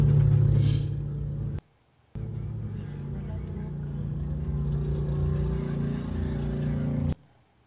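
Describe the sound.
A car engine idles steadily with a low, even droning hum, briefly cut off by a short silence before resuming, with indistinct voices faintly in the background. The car was left running at a gas station in Texas while ICE agents forcibly pulled a man from it to arrest him, and it nearly moved off on its own.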